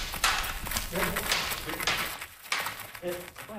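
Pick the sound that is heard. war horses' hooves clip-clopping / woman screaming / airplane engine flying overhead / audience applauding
war horses' hooves clip-clopping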